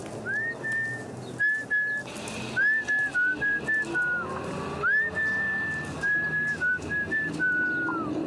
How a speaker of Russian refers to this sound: Мы выходим на Арбатскую площадь. Я принимаюсь насвистывать и сую руки в карманы.